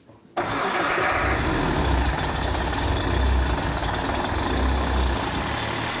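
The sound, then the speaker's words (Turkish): A car engine with a freshly rebuilt cylinder and reworked valves cranks and catches after a brief quiet moment, then settles into a steady, loud, rumbling idle with a low throbbing pulse that continues to the end. “Şimdi silindir yeniden yapıldığına göre çalıştıralım ve nasıl gittiğine bakalım.”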